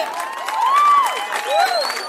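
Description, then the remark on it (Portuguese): An audience applauds at a music performance with dense, steady clapping, joined by cheers and a couple of rising, sliding whoops or whistles over it. Fairly loud, with no clear talking. “Uma salva de palmas, vocês foram foda.”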